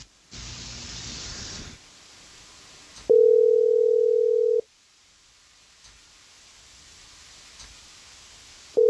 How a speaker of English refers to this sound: I just need you quiet on the phone while we give her a call, okay?